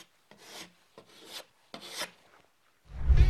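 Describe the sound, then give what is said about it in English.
Spackle is scraped across a wall with a putty knife in three steady strokes, filling a dimple where a molly bolt collar was driven below the wall surface, followed by a louder, heavier scrape at the end. No one speaks. “Fill the depression with spackle.”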